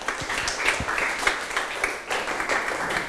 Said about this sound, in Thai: ถูกต้องปรบมือเพื่อนหน่อยครับ